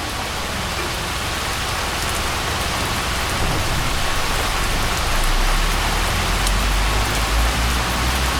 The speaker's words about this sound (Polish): Teraz będzie coś bardzo ciekawego. Posłuchajmy moment. Deszcz pada na dworze.